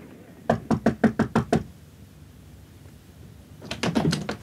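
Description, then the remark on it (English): At 9 o'clock, a quick series of about six sharp knocks on a door, followed after a pause by a second, slightly fainter burst of rapid knocking. No one speaks. “I was expecting company, and at 9 o'clock on the dot, there was a knock at the door.”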